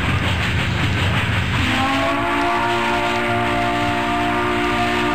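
A train rumbles along the rails, a loud continuous roar, joined partway through by a sustained high metallic squeal that rings on until the end.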